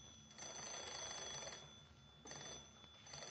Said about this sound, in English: When I got to the door, she was turning the crank on the phone.